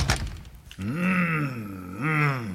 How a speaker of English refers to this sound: Close the door, please.